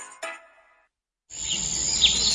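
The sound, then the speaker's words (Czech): Forest ambience with birdsong, presented as the forest as a bear hears it: a brief tonal call fades out, a second of silence follows, then a steady hissing wash of outdoor sound with faint high bird chirps flickering over it. “Takhle slyší les medvěd.”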